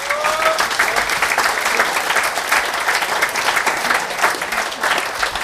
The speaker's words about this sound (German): Manuel Pfeiffer, Gemeinderat und Landtags-Nationalratsabgeordneter. Dankeschön, dein Applaus.